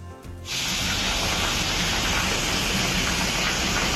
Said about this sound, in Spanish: granizo en Fiñana y Abrucena. Oye, gordito el granizo, ¿eh? Mira, este es el sonido clásico en la SER cada vez que pasa este tipo de cosas. Escuchamos. Bueno, el granizo en la zona norte de la provincia y en Vera, que está cayendo de lo lindo.